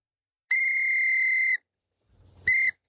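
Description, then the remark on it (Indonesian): At a birthday, a child blows a whistle twice: a loud, steady shrill blast lasting about a second, then a short pause with a soft rustle before a second, shorter blast. No one speaks. “Kata ayah, kalau aku tiup peluit ini, ayah pasti datang.”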